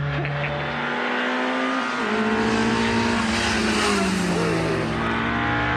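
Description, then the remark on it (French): A car engine revs high and hard to almost 8000 rpm, its steady whine climbing and dipping slightly in pitch over several seconds, loud and continuous with no voices. “C'est quoi le régime, là? 8000?”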